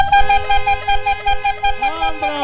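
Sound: bicycle horn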